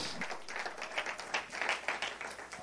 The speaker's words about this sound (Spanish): ¿Cuántos bendicen la gloria de Dios en esta hora? Le da un aplauso fuerte a Dios en el nombre de Jesús de Nazaret.